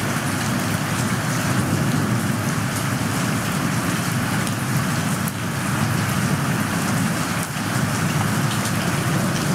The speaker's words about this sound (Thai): เอาละค่ะเป็นอย่างไรบ้างคะเสียงของสายฝนใครชอบสายฝนบ้าง